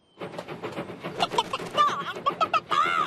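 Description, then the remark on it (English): A chicken clucks in a rapid, busy stream of short calls, growing louder and more agitated before ending in a drawn-out squawk, with no talking. “Yeah, train, eggies, and cute little chicken fly right by it.”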